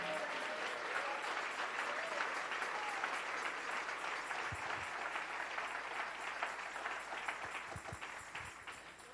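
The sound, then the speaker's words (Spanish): A church audience applauds the Lord as King: a dense wash of many hands clapping at once that holds loud and even throughout, easing slightly near the end, with some cheering voices mixed in. “Denle un aplauso al Rey.”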